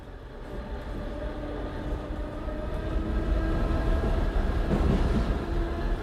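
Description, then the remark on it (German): Steady low rumble of an S-Bahn commuter train carriage in motion, with a faint whine of humming tones above it, growing slightly louder toward the end; no voices. “In der S-Bahn riecht's nach Schweißfüßen.”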